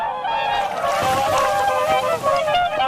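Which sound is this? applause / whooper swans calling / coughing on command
whooper swans calling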